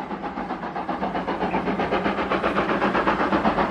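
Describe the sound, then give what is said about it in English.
A train rolls steadily along the rails through the desert of west Texas, a dense, continuous rumble with a fast rhythmic pulsing of wheels over track, loud, as if heard from inside a carriage. “It's this tiny figure to the right, of the, like the train's headed the other way.”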